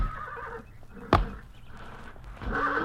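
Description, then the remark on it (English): The horse Trigger whinnies in a drawn-out, wavering call while performing a 'dead horse' trick on command, a sharp thud cuts in midway, and a second shorter whinny rises near the end, moderately loud with no talking. “Trigger, over here, boy. Watch this. Okay, Trigger, dead horse.”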